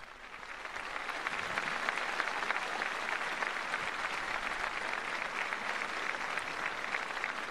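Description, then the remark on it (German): A large crowd at a papal Mass at the port of Santa Cruz de Tenerife bursts into loud, sustained applause that swells within the first second and holds steady as a dense roar of clapping, mixed with cheering voices shouting 'viva' for the Pope. “Aber zuvor die Jubelrufe des Volkes. Es lebe der Papst, viva, viva! Und tosender Applaus.”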